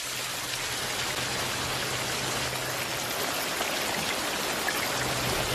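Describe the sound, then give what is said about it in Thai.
Steady rain pours down with a dense, even hiss throughout, fairly loud, with a faint low hum underneath and no voices. “ในวันฝนตกนกเงือกตัวผู้ยังคงออกหาอาหารอย่างไม่ย่อท้อเพื่อเลี้ยงภรรยาและลูกในบ้านหินของมัน”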